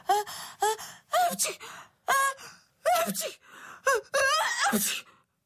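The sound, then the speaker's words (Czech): A voice acts out a quick run of about seven sneezes, each a rising breathy 'ah' snapping into a sharp, hissing burst, with the last few crowding together louder. “Kýchala a kýchala.”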